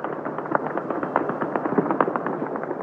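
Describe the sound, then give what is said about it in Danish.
Very heavy weapons fired late at night by Hezbollah supporters in the southern suburbs of Beirut crackle without pause, a dense stream of sharp bursts and pops layered over a steady rumbling roar, with no voices. “Og det er simpelthen Hezbollah-folk, Hezbollah-tilhængere, mennesker, der bor i det sydlige Beirut, som affyrer meget, meget tunge våben.”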